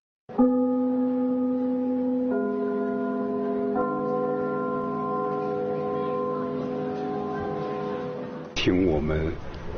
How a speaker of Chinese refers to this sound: 听我们开幕的那个钟声，听着这都已经感情了。什么？所以我们在如果在别的剧场去演出， 我们一定把这个钟声录下来。